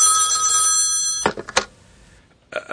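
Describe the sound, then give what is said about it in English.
A telephone rings loudly in a hotel room in Milwaukee late at night, one long bright electronic trill that stops abruptly, followed by a few sharp clicks, a short quiet pause, and the start of another ring. “Alone in my hotel room late one night, I had just gone to bed when the phone rang.”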